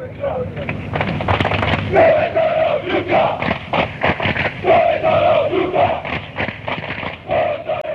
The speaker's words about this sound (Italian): Dove sono gli ultra, questa si grida la tifoseria avversaria quando loro non si presentano lì, o quando sono in pochi, o quando arrivano tardi, o quando non ci sono davvero.